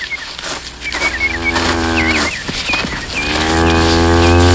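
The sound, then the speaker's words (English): A cow named Lady Queen, a mother with a calf, moos twice while stamping around in front of a briar patch, each call long, low and droning with a rising, strained edge, the second louder and sustained to the end, while small birds chirp faintly throughout. “Why does she keep stamping around in front of that briar patch?”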